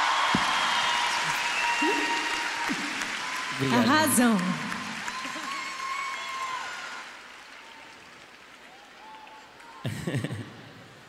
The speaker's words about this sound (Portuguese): Uma salva de palmas para a Cataleia.